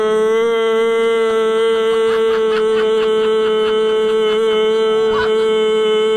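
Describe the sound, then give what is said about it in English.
A person imitates a cow with one long, loud moo, held steadily at a nearly constant pitch for about six seconds without a break. “Give us one. Really, really long one. Come on. Moo.”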